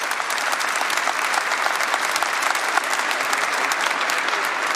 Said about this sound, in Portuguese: Pode aplaudir quem está entendendo.